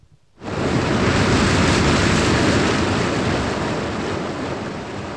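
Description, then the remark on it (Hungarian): A sudden, loud rush of water starts abruptly and roars steadily as the water drains out of a pool, easing off slightly toward the end. No voices are heard. “Előbb itt még víz volt a medencében, uram. Eltűnt.”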